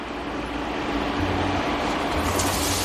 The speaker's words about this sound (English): That's the sound we like. We're cooking these onions on medium heat until they're tender and translucent, about 3 to 4 minutes.